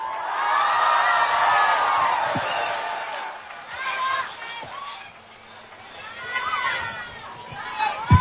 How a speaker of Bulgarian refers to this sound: Аплодисменти!